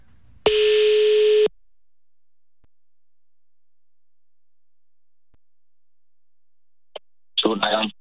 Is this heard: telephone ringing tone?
yes